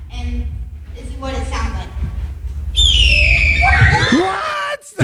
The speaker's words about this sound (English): This is what, it's actually the red-tailed hawk sound.